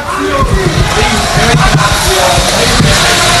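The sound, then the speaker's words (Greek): During a church liturgy at Apostle Barnabas, supporters of Tychikos shout "anaxios" (unworthy) instead of "axios" (worthy): a dense, loud crowd fills the church with overlapping shouts and raised voices, a steady roar of many people calling out at once with occasional sharper cries breaking through. “Α, εκεί που ολοκληρώνεται λένε άξιος και φωνάζουν ανάξιος.”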